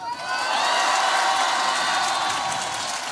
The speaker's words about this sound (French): Exactement, devant un public acquis à sa cause, l'insoumis égrène ses mesures dans un tonnerre d'applaudissements.